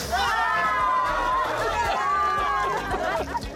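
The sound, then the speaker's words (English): Steady crowd chatter from a crowd drawn by someone cooking a hot omelet with flatbread on a griddle in a crowded area, many overlapping voices talking at once in a loud, continuous hubbub with no single speaker standing out. “The thing about cooking in a crowded area is you're likely to draw a crowd.”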